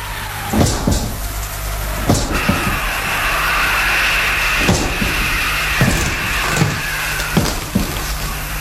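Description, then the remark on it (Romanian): A garden gate bangs shut several times at irregular intervals, each knock sharp, over a steady whooshing background like wind or rain. “A trântit cineva portița?”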